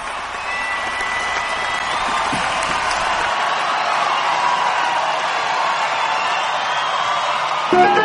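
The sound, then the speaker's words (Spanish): Sustained audience applause for Jesus of Nazareth during a preaching, a dense, steady wash of clapping mixed with scattered cheers and whoops, holding at an even loudness for the whole stretch. “Un aplauso para Jesús de Nazaret.”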